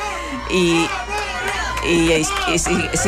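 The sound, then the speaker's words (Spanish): A large crowd of young people, the Pope's youth, some of the 40,000 people who had been at the Estadi Olímpic Lluís Companys, shouts and cheers continuously. Many voices overlap into a loud, excited roar with rising and falling calls throughout. “Y sigue habiendo gritos.”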